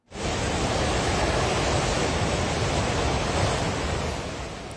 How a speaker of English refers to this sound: Videos like this shared by police and on social media show torrents of muddy water crashing through mountain villages.